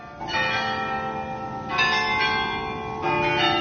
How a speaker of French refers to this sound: Et dans le silence, arriva un bruit de cloches, toutes les cloches à la fois, qui se remirent à tinter pour la rentrée de la procession à la chapelle du 500.